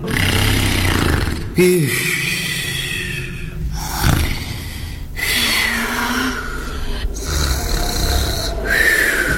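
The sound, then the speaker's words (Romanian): A bear growls and snorts loudly for several seconds, a rough, raspy low rumble broken by repeated heavy snorting bursts, with no talking. “Dar de care deodată urs blestemat, semen cu bordură.”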